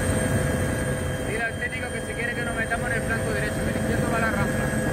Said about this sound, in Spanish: Así sonaba el trabajo desde los helicópteros.